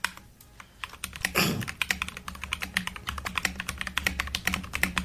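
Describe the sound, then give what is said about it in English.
Rapid, steady typing on a computer keyboard, with many crisp key clicks in an uneven rhythm and one louder thump or rustle near the start. No one speaks. “Isn't it a typing sound? So what is it? What do you type with? Keyboard.”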